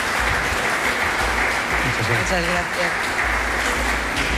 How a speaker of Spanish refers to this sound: Y prolonguemos el aplauso a Rafa Domínguez, que es vicepresidente provincial, y a Ángeles Silve, que es directora del Museo de Pontevedra.